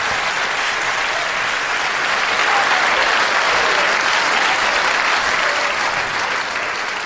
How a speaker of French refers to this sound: Bonaparte entra dans sa loge. La salle se leva. Les applaudissements durèrent plusieurs minutes.